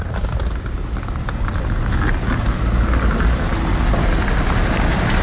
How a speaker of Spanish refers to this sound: Mira, acaban de parar, el coche le han estacionado, el Peugeot,